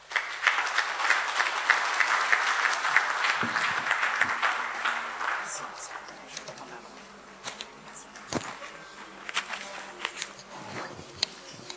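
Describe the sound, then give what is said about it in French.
A crowd at a back-to-school meeting applauds Monseigneur after his address, with dense, steady clapping that gradually thins out into scattered claps over the last several seconds. “Encore des applaudissements pour Monseigneur, qui a eu des mots forts à l'endroit de toute l'assistance”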